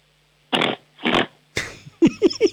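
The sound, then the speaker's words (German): A child's voice imitates a pig on request in a noise-guessing game, starting with two long, raspy snorting grunts, then a scrape and a quick run of three short, squealing oinks, fairly loud. “Ich hätte gerne, dass du grunzt wie ein Schweinchen.”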